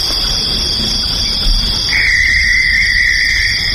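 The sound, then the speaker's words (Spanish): A barn owl lets out a long, harsh, drawn-out screech partway through, holding steady to the end over a constant background of chirring crickets at night. “yo he tenido en mi jardín lechuzas, entonces sospecho que son lechuzas. Correcto, yo las escucho todas las noches”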